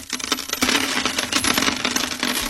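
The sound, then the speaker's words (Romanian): Coins clink and jingle continuously, a steady shower of metallic rattling as money is dropped and collected as payment in a staged fairy tale, bright with no voices over it. “Noi, gerilă și compania, plata ne-am luat.”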